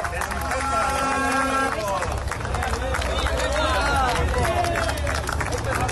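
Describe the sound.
About fifty picketers at a factory gate break into scattered, uneven ironic clapping mixed with shouting voices as workers arrive on company-chartered buses escorted by Ertzaintza police, while a large vehicle's engine rumbles steadily.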